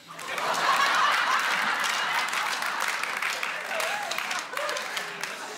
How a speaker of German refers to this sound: Und dann gibt es ja aber auch die Leute ab 60. Sind hier welche? Mal klatschen, wenn es noch geht.